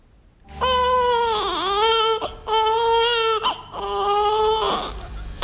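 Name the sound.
newborn babies crying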